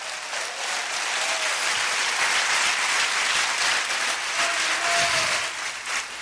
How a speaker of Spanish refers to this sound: ¡Oh, gloria a Dios! Dele fuerte ese aplauso a Cristo, aleluya.